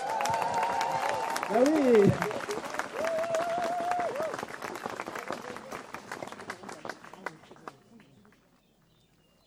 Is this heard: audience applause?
yes